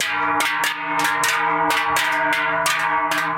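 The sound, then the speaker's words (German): Large Swiss cowbells (Treicheln) clang in a steady, overlapping rhythm, loud, their metallic strikes repeating about twice per second with a rich ringing hum sustained between hits, as people carrying the big bells parade at the Swiss federal bell-ringers' meeting in the Bernese Seeland. “Die Schöpfen im Berner Seeland laufen am Freitag die Leute mit den grossen Glocken auf.”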